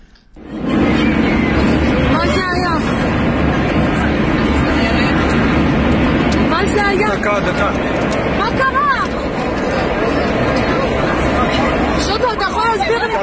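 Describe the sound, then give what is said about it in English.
Frightened passengers cry out and call to each other over the loud, constant roar of an airplane cabin as the plane takes a rapid plunge. Several brief raised voices break through the din, including a distressed woman asking in Hebrew what is going on. “Videos widely circulating on social media have been helping us piece together what happened, and this is said to be the moment the plane took a rapid plunge.”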